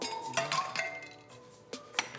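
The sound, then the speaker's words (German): A generous portion of ice cubes clinks into a glass while an NRW-Mule cocktail is being mixed, several bright, sharp knocks spread unevenly over two seconds, with a faint ringing tone lingering between them and no voices. “Eis, das darf ja nicht fehlen. Das mache ich mal. So eine ordentliche Portion.”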